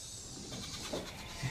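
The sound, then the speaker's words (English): Sheep bleat faintly and briefly while being fed in a stall, a couple of soft calls over a steady background hiss, with no one talking. “He's feeding the animals. We have to feed them in the stall because of the settler attacks.”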